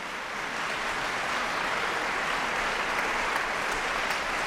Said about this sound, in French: Des applaudissements très chaleureux du public pour cette œuvre rarement programmée, composée à la fin des années 1930, où le compositeur genevois réunit plusieurs univers qui lui sont très chers.